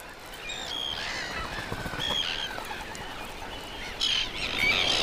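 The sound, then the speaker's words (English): A colony of puffins calling, harsh overlapping croaks and groans layered over a steady windy hiss, with a louder cluster of calls near the end. “These birds are masters of the sea, but clumsy on land.”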